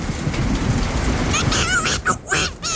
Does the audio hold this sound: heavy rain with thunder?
yes